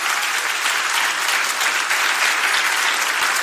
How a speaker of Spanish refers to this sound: Aplauda así para el Señor. Hágalo con gozo, hágalo con alegría.